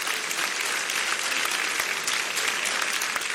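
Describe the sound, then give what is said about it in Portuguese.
An audience at a Christian church service claps together in a dense, steady wash of applause that holds at an even, fairly loud level for the whole few seconds, with no voices standing out. “Só aqueles que têm esta paz, pode bater mais palmas, dá glórias.”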